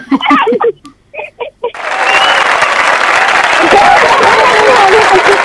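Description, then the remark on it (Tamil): A voice speaks briefly, then loud, steady applause from many hands takes over and continues without letup to the end. “ஊரே கைத்தட்டு, நாம கைத்தட்டு கைத்தட்டுறாங்க.”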